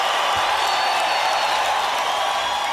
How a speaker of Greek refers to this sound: Έτσι, θα σας χειροκροτήσουμε όλους. Αυτά είναι.